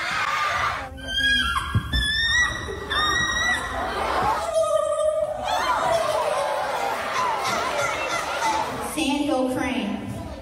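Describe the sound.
A boy mimics a string of bird calls with his voice: short whistled chirps and trilling, warbling notes rising and falling in pitch, repeated in quick bursts with brief pauses between.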